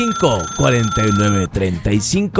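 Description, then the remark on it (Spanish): A telephone rings with a steady electronic tone as the first incoming call comes in, held under people talking loudly over it, then the ring drops away as the voices continue. “Ya entró la primera llamada.”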